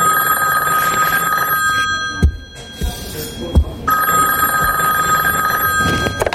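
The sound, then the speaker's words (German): A telephone at a post office rings in two long bursts of bright, trilling bell tone separated by a pause, fairly loud, with a couple of soft thumps in the gap and no talking. “Plötzlich klingelte das Telefon.”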